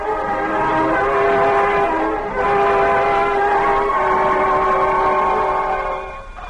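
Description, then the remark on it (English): An air raid all-clear siren sounds one long, loud, steady tone rich in harmonics, holding a constant pitch with a brief dip partway through before tapering off at the end. No voices. “There goes the all clear now.”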